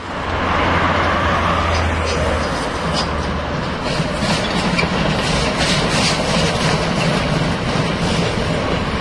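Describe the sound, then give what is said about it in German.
A class 95 steam locomotive chugs past modern locomotives before the crossing with federal road B6, loud and steady, its rhythmic exhaust beats riding over a dense rumble of wheels and machinery that fills the whole stretch. “Vor der Kreuzung zur Bundesstraße 6 stampft unser 95er vorbei an den modernen Lokomotiven der Havelländischen Eisenbahn, die sonst die Strecke befahren, vornehmlich für Transporte der Fels AG.”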